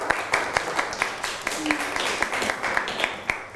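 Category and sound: crowd, classroom applause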